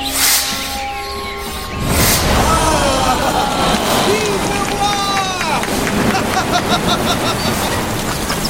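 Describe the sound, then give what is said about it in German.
A palace fountain's loud, steady rush of water surges up, higher than the palace, after a quieter first couple of seconds and keeps roaring and splashing without a break as it crashes onto the lower gravel terrace, with faint voices and cries sounding over it. “Die Fontäne schoss auf, noch höher als das Schloss.”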